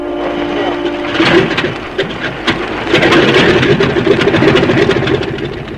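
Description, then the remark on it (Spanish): A small plane piloted by Calimán comes in to land and touches down, its engine droning with a steady mid-pitched hum and rough rumble that swells louder partway through and holds to the end. “y en unos minutos más, la pequeña avioneta tripulada por Calimán tomó tierra.”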